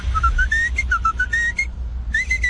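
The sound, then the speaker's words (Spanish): A lunch truck's short whistled jingle of quick, stepping notes with clear harmonics rises and falls, pauses briefly, then resumes, playing over a steady low rumble in the background as the truck arrives at a construction site. “Ya conocían el chiflidillo de la loncherilla, la cucaracha, tiriririririrín”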